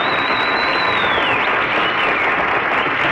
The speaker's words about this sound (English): You wouldn't dare stop that applause.